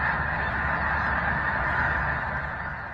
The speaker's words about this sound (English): And another picture from Big Lake State Park had me rubbing my eyes, and it has what looks like thousands of snow geese. Now, we can't show the photo because this is radio, but we can hear what you experienced.